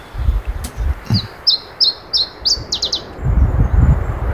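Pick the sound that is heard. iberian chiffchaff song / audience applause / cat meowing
iberian chiffchaff song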